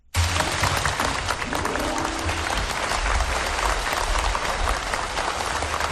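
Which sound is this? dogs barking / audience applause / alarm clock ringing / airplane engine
audience applause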